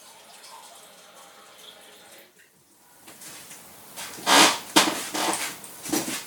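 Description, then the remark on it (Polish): Water is poured from a standard cup into a container, with its funnel and reducer taken out, after a quiet start, splashing in several loud, uneven gushes over the last few seconds. “Wyciągamy ze środka lejek i reduktor, żeby nalać wody. Ja do tego celu używam kubka standardowego.”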